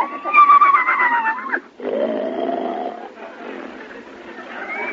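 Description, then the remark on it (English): A loud whinny from a horse named Gulliver, with wavering, shifting pitch, lasts over a second, then gives way to rougher, breathy snorting and rumbling noises that fade in and out. “Well, you're facing the right way, but your legs shouldn't both be on the same side of the horse.”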